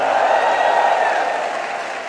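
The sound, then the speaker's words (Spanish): An audience claps over their heads and shouts a cry of victory to the Lord, a loud, dense wash of applause and cheering that fills the whole moment and fades only slightly toward the end. “Un grito de victoria al Señor.”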